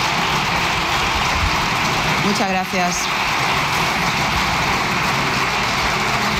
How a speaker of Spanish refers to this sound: No es que estén aplaudiendo a Francina Armengol, porque puede, con mucha gracia siguen aplaudiendo, muchas gracias. Muchas gracias, no es a ella, es el Grupo Popular aplaudiendo a Núñez Feijóo. Sus seguidores.